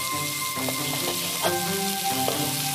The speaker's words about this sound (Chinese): 接下来熬制卤汁，放入葱姜，煸炒出香。